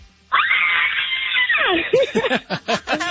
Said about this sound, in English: It's acceptable to yell when you win Fast Five, so go ahead.